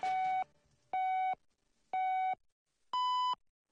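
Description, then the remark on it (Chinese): Four clear electronic beeps of a radio time signal, one per second: three identical medium-pitched tones followed by a slightly higher final tone marking 12 o'clock Beijing time, with silence between them and no talking. “现在是北京时间12点整。”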